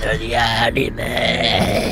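A long, loud, low-pitched burp rumbles on for about two seconds, rough and guttural with a slight warble partway through.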